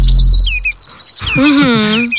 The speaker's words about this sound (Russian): Да, да, да. Особенно приятно, когда ты в феврале приходишь и говоришь: ребят, вы слышали птички? Так это правда. Запили. Да, правда, правда. Я же говорю, правда. Я, кстати, очень скучаю сюда по птению, пению птиц. Особенно февральскому.